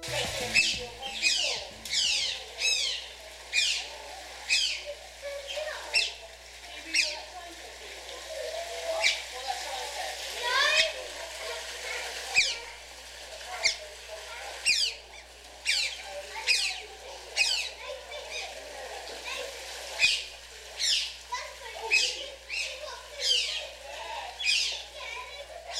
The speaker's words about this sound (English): What you just heard was the delightful sound of two otters squeaking playfully together in an unnamed wildlife park.